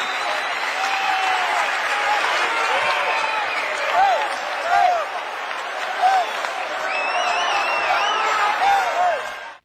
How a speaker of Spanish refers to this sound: aplauso